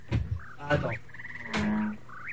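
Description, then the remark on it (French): A frog croaking sound effect played from a CD: a handful of raspy, buzzing croaks in quick succession, fairly loud, with short rising chirps in between and no talking. “Attends c'est la grenouille. Mais non, parce que là, c'est des bruitages, parce que j'ai pas amené tous les CD, donc j'ai pas tout, là.”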